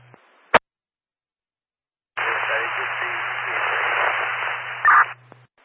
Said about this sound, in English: I just, you got a lot of static on your radio. You're unreadable. Riverside RA1. And you're still unreadable.